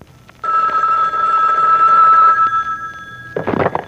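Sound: telephone ringing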